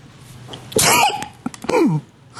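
A Finnish television personality born in 1974 sneezes twice, loud: a sharp, breathy burst, then a second voiced sneeze that trails off with a falling tone. No one speaks.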